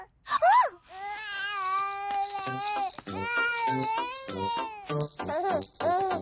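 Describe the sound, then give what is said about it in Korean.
A baby cries in repeated wailing bursts, rising and falling in pitch, loud, with brief gasping pauses between the longer sobs, while being weighed on a hard, uncomfortable surface. “딱딱하고 불편해서 우나 보네요.”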